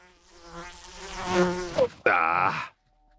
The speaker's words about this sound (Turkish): Lanet sinek kulağıma girdi. Ah tanrım.